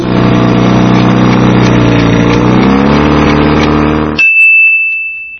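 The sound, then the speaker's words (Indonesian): A ship's deep, steady horn-like drone fills about four seconds, its pitch sagging slightly, then cuts off into a single bright bell ding that rings out. No voices. “Safinatun, kapal.”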